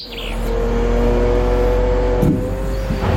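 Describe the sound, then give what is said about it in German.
A steady, loud diesel engine rumble with low droning harmonics from trucks queuing at the log yard of the Rettenmeier sawmill in Wilburgstetten, with brief clunks partway through and no one speaking. “Die Laster stehen immer wieder Schlange auf dem Rundholzplatz der Firma Rettenmeier in Wilburgstetten.”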